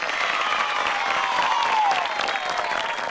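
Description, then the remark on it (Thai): Steady applause from a group, a dense wash of clapping that stays loud and even for about three seconds, with a faint whistle-like tone gliding downward through the middle. “ทุกคนเก่งมากปรบมือให้ตัวเองหน่อย”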